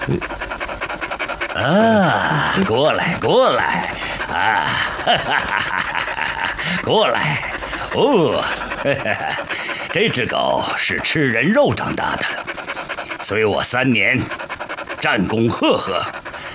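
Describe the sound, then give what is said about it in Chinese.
A dog pants steadily and close by in quick, rhythmic breaths, while people's voices and bursts of laughter carry over it throughout. “哦，这只狗是吃人肉长大的，随我三年，战功赫赫。”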